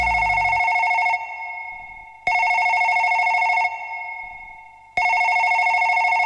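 A telephone rings in steady repeating bursts, three loud electronic trills separated by short pauses, clear with no voices.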